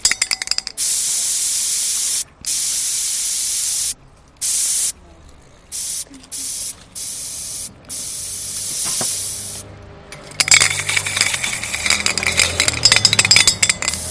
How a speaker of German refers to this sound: Ein Stencil ist halt sowas, da nimmt man eine Schablone und sprüht halt einfach drüber. Und dann ist das Symbol oder die Schrift von der Schablone halt an der Wand dran.